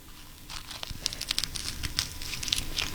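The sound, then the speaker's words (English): Crispy seaweed being crunched, a rapid run of dry, crackly snaps and crinkles with sharp bright clicks, fairly quiet and steady over about three seconds, with no talking. “It's got this crunch from the seaweed.”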